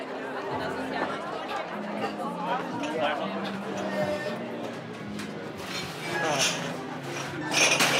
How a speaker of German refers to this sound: Wir sortieren die Flaschen in die Kästen ein. Wir schmeißen Altglas unten rein. Wir tun die Gläser auf diese Dinger, damit die gewaschen werden. Wir tun Geschirr und alles in die Dinger, damit die gewaschen werden können.